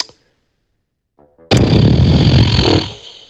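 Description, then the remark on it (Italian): A loud, buzzing raspberry blown with the lips on a radio phone-in show, a single sputtering burst of about a second that trails off, after a short silence with a faint lead-in sputter. “Ma insomma, pernacchia o segno di disappunto?”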